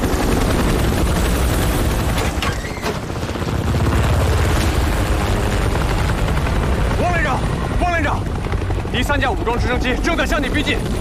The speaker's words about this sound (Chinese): 三架武装直升机正在向你逼近，距离不到3公里， 请迅速疏散车队，并组织在攻防夜。 区部连长，命令部队，敌方武装直升机马上临空，小心隐蔽，注意防空。